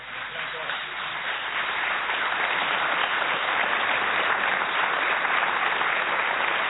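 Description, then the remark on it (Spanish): A crowd applauds loudly and steadily for Alejandro Dolina after his words in tribute to Antonio Carrizo, a dense wash of clapping that holds at the same strength for about seven seconds without any speech. “Un fuerte aplauso para Alejandro Dolina.”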